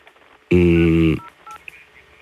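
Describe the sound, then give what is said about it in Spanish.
A single loud electronic telephone tone, steady and buzzy, sounds for about two-thirds of a second, then cuts off after a mobile phone call drops because the other phone's battery ran out, leaving faint low background noise with a few soft clicks and beeps. “Parece ser que la batería de tu hermana, del teléfono móvil, se agotó.”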